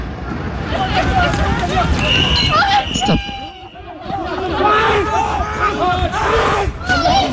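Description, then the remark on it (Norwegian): A loud riot crowd shouts and yells continuously in the streets of French cities during protests, with fireworks fired at police, fires in the streets and students running from tear gas; many voices overlap in rising and falling cries, with a brief lull midway before the clamor surges again. “Slik har det sett ut i flere franske byer den siste tiden. Med fyrverkeri mot politiet, branner i gatene og elever som løper fra tåregass.”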